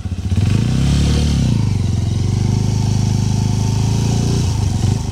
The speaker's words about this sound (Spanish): estrenar una espectacular Suzuki DR160X 0 kilómetros. Óigala cómo suena.